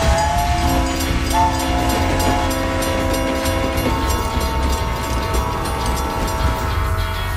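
A train rumbles steadily along the rails with a continuous low roar, while long sustained horn tones sound over it for several seconds. Loud, no voices.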